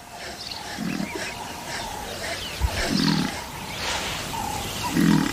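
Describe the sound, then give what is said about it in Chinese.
A lone lion growls three times in low, rumbling bursts spaced roughly two seconds apart, as a large African buffalo charges down the riverbank to drive it off, over a steady outdoor background with faint higher-pitched ambient noise. “一头壮硕的非洲水牛冒险冲下河岸，赶走了这只单打独斗的狮子。”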